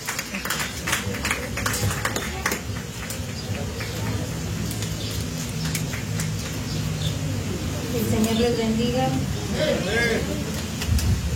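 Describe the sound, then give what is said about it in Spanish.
A church audience claps together in a sustained burst of applause offered to the Lord Jesus Christ as the women servants of the church department come forward, the dense patter carrying on for several seconds while voices murmur and call out underneath. “Denle una ofrenda de palmas a nuestro Señor Jesucristo, ¿verdad?”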